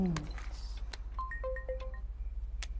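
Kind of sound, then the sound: signal or alarm, mobile phone ringtone ringing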